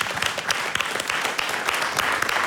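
Steady applause from an audience, a dense crackle of many hands clapping at once, fairly loud and sustained throughout with no voices standing out.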